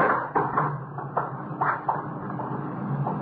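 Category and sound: household object, closet door opening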